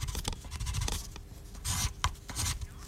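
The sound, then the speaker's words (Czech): Dry scratching and rubbing strokes of a pencil drawing a picture on paper, coming in short bursts of varying length with brief pauses, no voices. “Dobrá, řekli jste si, co jste chtěli, teď se mi šuplenko nevrť, ať si tě můžu dokreslit.”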